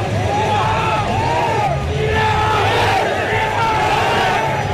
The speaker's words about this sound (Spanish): Es el grito, la arenga final de la selección de Marruecos, que parte de esta definición.